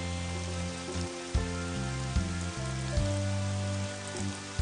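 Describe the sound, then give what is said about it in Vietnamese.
Steady rain pours down in a continuous, even hiss, with soft sustained musical tones shifting underneath. There is no talking. “giờ này chắc nó chạy ra tắm mưa rồi.”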